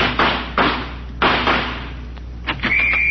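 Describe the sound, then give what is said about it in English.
A door is flung open with a heavy thud, followed by a few more sharp bangs and knocks, then a thin high tone rises near the end. “I'm going to fling this door up, and when I do, I'm going out shooting.”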